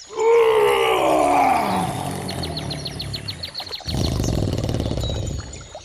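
A loud lion roar opens with a powerful falling bellow, then trails into deep rumbling growls, with a faint rapid chirping or clicking in the background midway.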